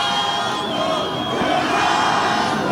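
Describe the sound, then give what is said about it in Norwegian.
A dense crowd of several hundred fans cheers and shouts continuously in front of Cristiano Ronaldo's hotel as he appears, a loud, sustained roar of many voices with scattered higher yells rising out of the din, energetic throughout. “Og når stjernen endelig var å se, var det et publikum I høygir.”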